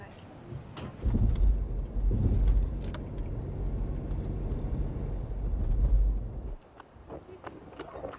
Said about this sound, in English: Park your car and let's go.